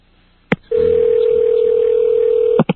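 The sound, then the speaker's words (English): A payphone handset at a supermarket clicks, then a steady, unbroken dial tone hums for about two seconds before another sharp click cuts it off. No one speaks. “Right now, I'm trying a payphone, and I can tell it's a payphone.”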